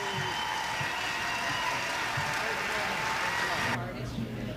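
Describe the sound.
A crowd applauds in a steady, dense wash of clapping for about four seconds, then the clapping drops away quickly, with voices faintly audible underneath.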